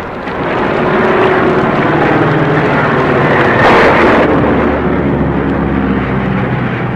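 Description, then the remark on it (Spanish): A steady, loud engine drone of a small airplane flying over the jungle regions of Chiapas and tossed by a strong storm, with a low humming tone and rushing wind noise that swells briefly in the middle before settling back. “Una tormenta tan común en aquellas latitudes que zarandeaba el pequeño avión de un lado a otro.”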